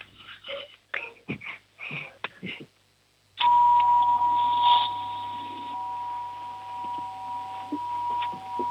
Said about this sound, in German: Machen wir mit der Türklingel weiter. Okay.